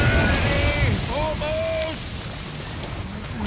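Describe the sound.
Steady ocean waves wash and churn around a small rowing boat being rowed toward shore, a continuous rushing surf, with brief faint voice-like tones rising over the water early on.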